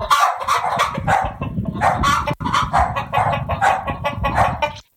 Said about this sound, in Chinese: 结果呢，呢啲鸡同狗都一起飘咗上天空，一时之间向空中嗰啲云里边传嚟鸡叫声、狗叫声。